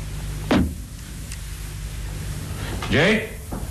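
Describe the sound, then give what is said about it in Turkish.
The unlocked door of a cabin is opened: a short knock or clunk from the latch, then a few seconds later a rising, squeaky creak as it swings, over a steady low hum. “Kapı da kilitliye benzemiyor.”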